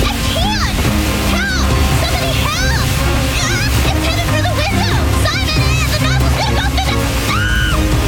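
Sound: water gushing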